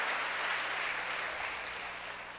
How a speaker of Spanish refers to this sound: Denle un aplauso a ese primer hijo.